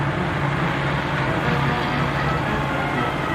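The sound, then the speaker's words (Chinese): A steady, dense rumble of Chinese-made military trucks rolling past in the National Day military parade of 1 October 1957 in China, their engines droning continuously with no pauses and no voices. “这些汽车是我国制造的”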